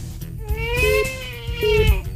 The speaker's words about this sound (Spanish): ¿Cómo parar el llanto este bebé, no? ¿Por qué llora? No sé qué hacer,